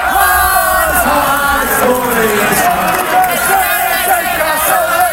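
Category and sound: crowd, football fans cheering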